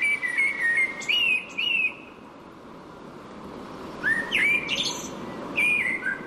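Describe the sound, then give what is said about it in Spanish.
A common blackbird sings two bursts of mellow, fluting whistled phrases separated by a short pause, clear above a steady rushing background noise. No one speaks. “Sí, es un mirlo. Un mirlo, mira. El más frecuente posiblemente.”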